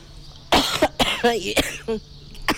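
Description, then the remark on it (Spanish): An unwell 80-year-old woman on a street in Fuerte del Rey coughs when asked to, a run of about four harsh, rasping coughs in quick succession with a throaty, voiced edge, against a low background hum. “No, tose, tose,”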